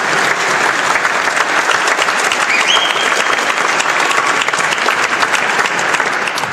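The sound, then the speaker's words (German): A crowd applauds the people attending for the first time, clapping steadily and loudly for several seconds, a dense, even wash of many hands with a brief whistle-like tone rising over it midway; no one speaks. “Applaus für die, das ist das erste Mal dran.”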